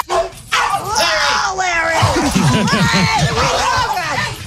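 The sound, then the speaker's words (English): A chaotic, loud fight among a group of dogs in a studio, with yelps, whimpers and snarling barks tangled together as people scream and shout over the commotion throughout. “And you weren't helping with the screaming.”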